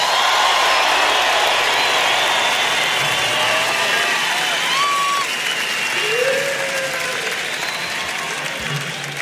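Steady, dense applause from an audience, a continuous wash of clapping that holds at a strong level for several seconds, with a few faint whistles or cheers rising above it before it slowly eases.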